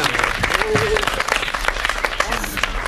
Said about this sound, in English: But I'm proud to say we didn't let a few thousand poor people and religious fanatics spoil our fun here tonight. Come on, give yourself some applause.